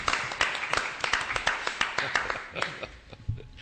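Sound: hands clapping in applause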